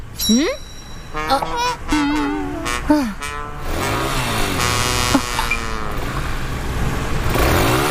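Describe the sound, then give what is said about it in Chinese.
A motorcycle engine revs loudly, its pitch sweeping up and down in repeated surges, while excited voices speak over parts of it. “摩托车的是谁呀？好帅呀！”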